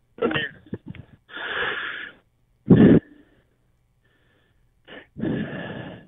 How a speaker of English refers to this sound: Okay. Heavy breather there.